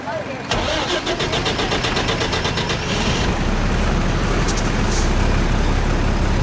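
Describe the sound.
A car engine cranks and starts with a rapid rhythmic churn, then settles into a steady, close, low rumbling idle. Voices can be heard faintly in the background.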